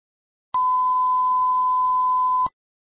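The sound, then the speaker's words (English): A telephone ringing tone while calling an Australian phone number: one steady, pure electronic tone holding for about two seconds before cutting off cleanly, clear and fairly loud with nothing else around it. “I'm going to try his Australian number, see if he'll pick up the phone.”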